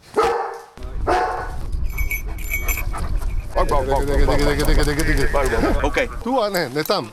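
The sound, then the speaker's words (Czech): Several specially trained mountain rescue dogs bark repeatedly outdoors around Labská bouda in the Krkonoše mountains, Czech Republic, during training to search for people lost in mountain terrain; loud, overlapping yelps with an excited, continuous rhythm; people talk in the background and birds faintly chirp. “a okolo Labské boudy v Krkonoších slyšet hlasitý štěkot. Horští záchranáři tam se svými speciálně vycvičenými psy trénovali vyhledávání lidí ztracených v horském terénu.”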